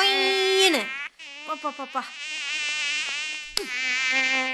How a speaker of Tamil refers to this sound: இந்த கொசு தொல்லை.